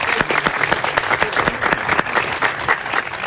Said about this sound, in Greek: Ρία Ελληνίδου, ξανά θέλω χειροκρότημα.